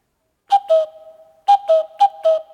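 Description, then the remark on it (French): A cuckoo call sounds three times, each a clear two-note 'cu-ckoo' dropping in pitch, with a pause after the first and the last two close together. Fairly loud, no voices. “Oh, le coucou.”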